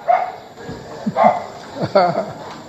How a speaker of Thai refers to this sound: มันเดินไปมันเห่าไปเรื่อยนะไม่มองอะไรหันหน้าไปตรงไหนเห่าเรื่อยไม่ได้มองดูใครเห่าเรื่อย